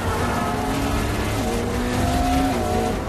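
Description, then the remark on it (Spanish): A getaway car's engine roars at high speed as it races along a busy avenue, chased by a motorcycle, its pitch rising and shifting, with a dense wash of traffic noise underneath and no voices. “Natasha y Yelena aceleran a lo largo de la calle”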